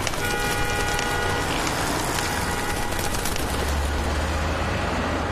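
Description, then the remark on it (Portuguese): Steady, dense roar of Fifth Avenue city street traffic with a car horn tooting near the start, the hum continuing loud and unbroken throughout, no voices. “Se alimentar tão perto do trânsito é perigoso.”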